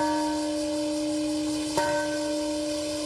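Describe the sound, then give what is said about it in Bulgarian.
The peace bell in a memorial park in Hiroshima rings during a minute of silence, with a deep, sustained hum, its long resonant tones lingering, then a single fresh strike near the middle adds a brief swell before the tone continues to decay. “В минутата, когато американският бомбардировач Б-29 пуска бомбата над Хирошима, беше запазена минута мълчание, а в мемориалния парк зазвъня камбаната на мира.”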